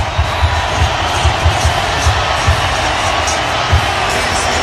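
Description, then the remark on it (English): A loud stadium crowd at the Dome roars and cheers in a dense, continuous wall of noise, around 107 decibels on the scoreboard, going into the fourth quarter of the game, with low rhythmic thumps pulsing underneath throughout. “All right, I think Dave sent it back, but it's so loud in here, it's hard to tell.”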